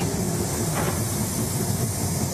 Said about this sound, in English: I have to say, the Tangaras, they are far and away my favourite train. They made quite a splash when they launched in 1988. Let's have a little listen. The new train can reach speeds of 130 kilometres an hour.